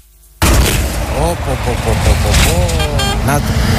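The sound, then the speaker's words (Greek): A large truck rumbles across a bridge, a loud low roar and rattle that starts abruptly and carries on steadily, making the bridge oscillate and shake, with a man talking over the noise. “Όποτε περνάει νταλίκα, μεγάλο φορτηγό όπως τώρα, έχω ταλαντώσεις και κουνιέται πάνω εδώ.”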